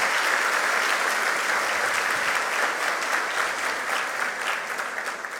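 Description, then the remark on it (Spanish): Sustained applause from a large audience for the representatives of the various departments, a dense wash of clapping that stays loud and steady throughout, tapering slightly near the end, with no voices over it. “Felicitaciones y fuertes los aplausos para todos los representantes de las distintas gerencias.”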